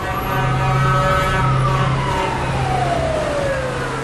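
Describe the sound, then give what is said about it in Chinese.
Fire and rescue engines roar past at night toward a blaze and explosions at the Damai Chemical Group dangerous-goods storage warehouse in Dongjiang city, with a steady, loud engine rumble as a blaring siren wails over it, its tone sliding downward in pitch toward the end. “一辆辆消防救援车伴随着刺耳的鸣笛冲向火光冲天的地方，一道道水柱扑向肆虐的火焰，火势逐渐被控制住。”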